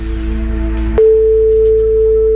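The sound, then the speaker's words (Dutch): A steady electronic telephone tone sounds clearly after a short click, holding one pitch over a low background hum, with no talking. “De telefoon gaat over.”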